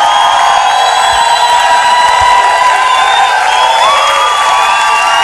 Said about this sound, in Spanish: ¡Dale ese fuerte aplauso al señor! ¡Con fuerza!